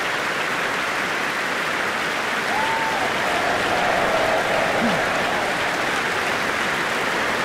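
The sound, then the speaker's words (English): A concert audience applauds steadily after a performance of the Mass in B minor, a dense wash of clapping that holds at an even level throughout, with a faint whistle or cheer for cellist Jonathan Byers rising briefly above it partway through. “That cheer for Jonathan Byers, playing such sensitive continuo this tonight on the cellos.”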